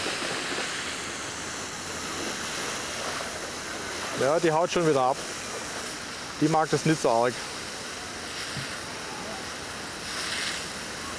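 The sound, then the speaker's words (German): A steady, loud hiss of a water jet spraying from a hose used to shower polar bears runs through the whole recording, with two short bursts of a person talking over it. “Sie hat es nicht so gerne mit dem Wasserstrahl.”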